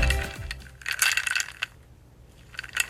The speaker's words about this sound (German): Die Eiswürfel im Glas. So klingt Erfrischung und so kann Erfrischung auch klingen.